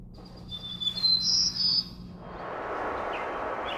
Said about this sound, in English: And they'll be suspended, and they'll be playing bird song data, which is actually a biologist's data, Dr. Flanagan from the University of Lethbridge. And it is the returning of birds to a severely burned forest post-fire.